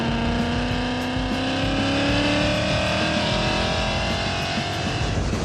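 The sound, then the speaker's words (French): The original 5-litre Ford V8 engine of a stock Ford Mustang (421 horsepower) roars, its pitch climbing steadily as it accelerates over about five seconds, with a deep rumble beneath and no voices. “Récapitulatif, on est dans une Mustang d'origine, on a un V8 5 litres d'origine Ford, moteur de la Mustang, on a 421 chevaux d'origine.”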